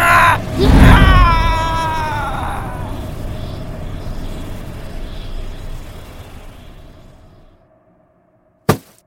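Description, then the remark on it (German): A loud, wavering, eerie scream of a ghost rammed in the chest with a staff rises over a deep rumbling whoosh as its shell is drawn into the staff's crystal, then drains away into a fading swirl of noise, ending in silence and a single sharp click. “Mit einem lauten Schrei wurde die Hülle des Geistes in den Kristall des Stabes gesungen.”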